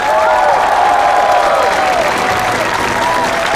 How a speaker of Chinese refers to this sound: 现在用我们最热烈的掌声欢迎第一组悬崖村娘娘模特队登场。